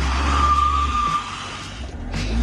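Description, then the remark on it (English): A car engine roars as the car is put in reverse with the handbrake on in a car park, its front wheels spinning and squealing against the ground while the back wheels stay frozen, a steady high whine riding over the heavy rumble for a couple of seconds. “Puts it in reverse and steps on it. Oh my God. Front wheels spinning, back wheels frozen.”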